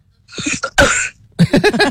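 A few loud coughs in quick succession, with a harsh throat-clearing quality, the last ones rougher and more voiced. No one speaks.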